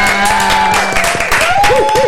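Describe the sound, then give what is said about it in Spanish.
A studio audience applauds and cheers to welcome a guest onto a show, a dense, steady wash of clapping with whoops and whistle-like rising tones cutting through near the end. “Nunca me canso de los aplausos.”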